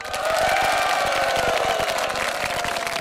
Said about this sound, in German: Boah, ja, natürlich ein bisschen enttäuscht, aber hey, Wahnsinn, wie viele bei euch gekommen seid. Und ich glaube, das ist ein Applaus von uns wert.